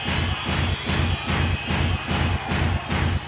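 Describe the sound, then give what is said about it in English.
A group stamps their right feet on the ground as instructed, in a steady, loud rhythm, about seven heavy beats in three seconds, each thud deep and booming over a constant wash of noise, with no talking. “Stamp your right foot on the ground.”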